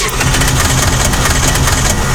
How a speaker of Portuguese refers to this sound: carro faz um barulho estranho e você aumenta o volume do rádio para não ouvir?